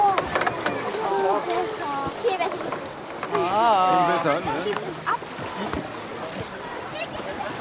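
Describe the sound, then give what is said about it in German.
The first homemade raft is launched into the water with sloshing and splashing, mostly under people talking and exclaiming. “Das erste Floß sticht in See.”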